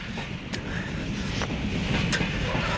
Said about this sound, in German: der Zug da vorne am Lichterdreieck bringt uns fast nach Detroit.